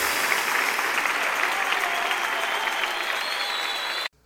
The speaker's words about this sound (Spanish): dale una ofrenda de palmas al Rey de Reyes.